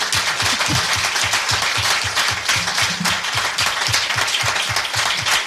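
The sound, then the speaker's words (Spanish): A crowd applauds steadily for several seconds, many hands clapping in a dense, even patter with a faint rhythmic pulse beneath, loud and sustained with no voices over it. “bueno, si le damos el aplauso, porque eso de la dignidad.”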